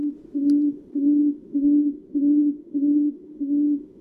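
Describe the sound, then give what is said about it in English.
A tawny frogmouth calls alone with a steady run of about seven low, humming "oom" notes, evenly spaced around every half second, each note fairly loud and level in pitch. “They're impossibly cute and sometimes impossible to see with their camouflage, the tawny frog mouth.”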